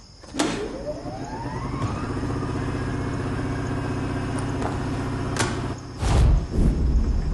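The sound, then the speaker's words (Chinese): A power generator's engine cranks and catches, its pitch sweeping upward before settling into a steady low mechanical drone, with a few sharp clicks and thumps along the way. “还特意弄了一台发电机啊！”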